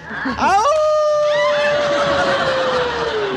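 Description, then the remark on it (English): A man gives his loud wolf call, a wolf-like howl: a quick upward swoop into a long, sustained tone that slowly sags in pitch over about three seconds. “Yeah, you make me feel like giving my wolf call.”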